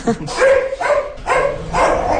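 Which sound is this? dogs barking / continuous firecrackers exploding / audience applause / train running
dogs barking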